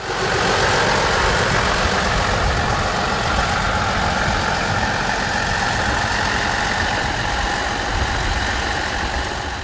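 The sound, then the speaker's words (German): A heavy diesel locomotive engine runs steadily as the locomotive is moved into position, a loud, continuous low rumble with a rough, throbbing texture and a faint higher whine above it, holding even for the whole stretch with no voices. “Bevor es losging, wurde schließlich noch die Lok in Position gebracht.”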